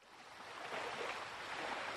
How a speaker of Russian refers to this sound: Слышно было море.